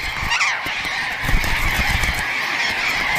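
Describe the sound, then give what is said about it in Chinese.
A dense chorus of snow goose calls, many overlapping nasal honks blending into a steady, loud clamor from a large flock, with no pauses. “在求偶时，雄性雪鹰哥会向雌性展示自己鲜艳的羽毛，并尝试用叫声和空中表演来吸引雌性的注意。”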